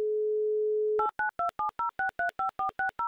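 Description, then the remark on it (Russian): A steady telephone dial tone hums for about a second, then gives way to a quick run of roughly ten short, evenly spaced keypad beeps as a phone number is dialed again. No voices. “И еще раз мы набрали номер телефона Любови, ей звоним, чтобы узнать, что же за красота такая в маках.”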